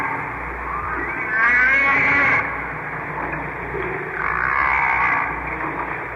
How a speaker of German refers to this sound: Auch andere Wale machen Geräusche unter Wasser. Buckelwale zum Beispiel. Sie singen. Hört mal.